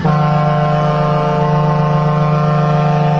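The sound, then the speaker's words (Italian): A loud, sustained horn blast holds one steady low tone with bright harmonics for several seconds, blaring and unbroken like a big truck or ship horn, with no voices. “Volevo mandarti questa trombata perché te la meriti tutta.”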